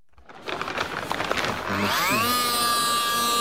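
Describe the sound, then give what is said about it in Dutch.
An electric saw of a hardware-store type revs up after a burst of rough scraping noise, its motor climbing to a loud, steady high-pitched whine that holds continuous to the end as it cuts open the skull of a deceased woman lying on a table. “Met zijn elektrische zaag, zo eentje van een bouwmarkt, weet je wel, maakt hij de schedel open van een overleden vrouw die op zijn tafel ligt.”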